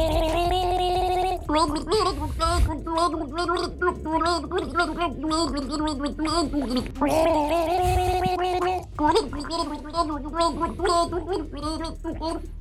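Two people gargle water from bottles while carrying the tune of an 1980s rock ballad, their bubbling, pitched gurgles rising and falling in a continuous melody. The gargling is loud and steady, with brief breaks between phrases.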